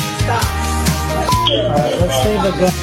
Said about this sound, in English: I know that's a lot of beeps, and I hate to actually subject you to all those beeps, but this involves the body cam footage that shows the moments right after a 6-year-old boy shot his teacher at a Virginia elementary school.